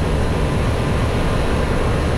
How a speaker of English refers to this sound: But for the past 8 months, their peace has been interrupted by the almost nonstop hum of a nearby data center.